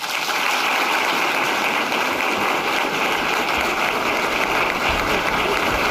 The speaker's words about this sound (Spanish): Los aplausos a la infanta Sofía, que acaba de pronunciar sus primeras palabras en un acto institucional a sus 19 años, en el que ha sido su primer discurso oficial ante un auditorio, arropada entre el público por sus padres los reyes